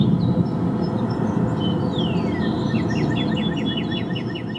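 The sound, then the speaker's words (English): A cardinal, recorded in Massachusetts, sings a clear downward-slurred whistle, then a quick run of repeated chirping notes, over a steady low rumble of outdoor background noise. “That sounds nothing like my cardinal.”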